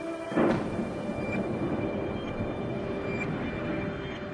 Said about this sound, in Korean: 도시 곳곳이 폭발로 공포에 휩싸입니다.